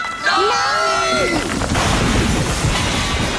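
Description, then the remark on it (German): Appliances topple over and crash down in a loud, sustained clatter and rumble lasting a couple of seconds, preceded by a brief shouted cry. “Noch so eine blöde Bemerkung und ich lass mich einfach umfallen.”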